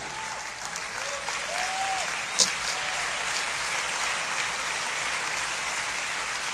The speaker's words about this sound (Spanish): Dale un aplauso al Señor por eso. Fuerte este aplauso al Rey.